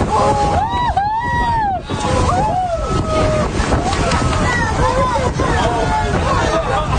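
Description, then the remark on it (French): Whale-watching cruise passengers off the Haute-Côte-Nord between Tadoussac and Les Bergeronnes exclaim and cheer excitedly as about ten white-beaked dolphins leap out of the water one after another, with overlapping rising and falling cries and whoops over a continuous rumble of boat engine and wind. “Ce que vous entendez, ce sont les réactions du groupe à une dizaine de dauphins à nez blanc qui sautaient les uns après les autres hors de l'eau.”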